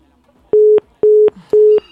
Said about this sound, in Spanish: yo escucho los teléfonos marcar y marcar y marcar, pero nomás cuando contestamos cuelgan.